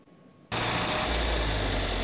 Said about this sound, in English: The rumble of these John Deere tractors is more than the sound of an engine. For the Phil Singer family, it's the sound of a lifetime of memories.